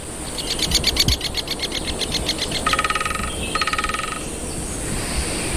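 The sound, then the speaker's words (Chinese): A great spotted woodpecker pecks at a tall pine trunk in a pine forest on the volcanic Canary Islands, off northwest Africa, in quick, rhythmic bursts of sharp taps, the later runs faster and buzzier, over a steady hissing background with no one talking. “大斑啄木鸟非常善于啄凿这些高耸的松树。”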